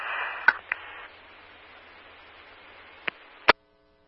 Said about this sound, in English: Poly 27, you were static, try again.